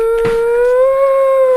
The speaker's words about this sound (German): Verdammter Köter!